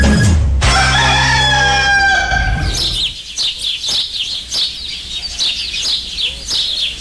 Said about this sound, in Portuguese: Ô, de caça, acorda, minha gente. O galo já cantou faz tempo, só.